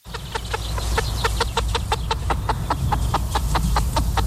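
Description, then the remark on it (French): A large flock of chickens clucks continuously on a poultry farm in Souligné-Flacé, Sarthe, France, holding over 17,000 Loué-label meat chickens; short overlapping clucks come in a rapid, steady chorus over a constant low background hum. “Et il est allé à la rencontre d'un éleveur de poulets qui est fermier de Loué.”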